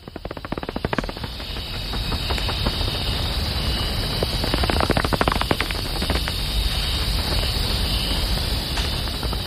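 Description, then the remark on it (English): Ambience of the Los Cedros cloud forest, recorded by a musician: a dense, steady wash of crackling clicks and buzzing chatter that fills the whole clip at an even loudness, with no one speaking. “I want you all to hear what a rights-bearing, breathing, living cloud forest sounds like.”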